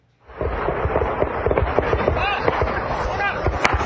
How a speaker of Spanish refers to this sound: En México, un enfrentamiento armado de grupos criminales en Michoacán desató el pánico entre campesinos que tuvieron que correr para refugiarse de los disparos.